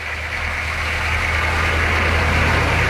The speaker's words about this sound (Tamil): அடுத்த நாள் சூரியன் உதிக்கும் முன்பே ஒரு லாரி வந்து நின்றது.